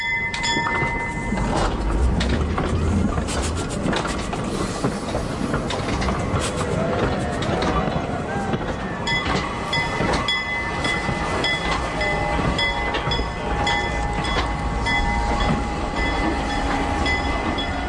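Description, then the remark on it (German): A historic steam locomotive, put back on the rails for a 200th anniversary, rolls steadily along the rails with a continuous loud rumble and clatter, steady tones threading through the mechanical noise, without any talking. “Im vergangenen Jahr wurde die legendäre Lok zum 200-jährigen Jubiläum noch einmal auf die Schienen gesetzt, unter großem Jubel und mit viel Medienaufmerksamkeit.”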